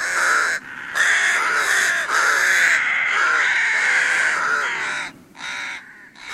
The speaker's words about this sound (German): Das sind Saatkrähen und die kommen im Winter vor allen Dingen.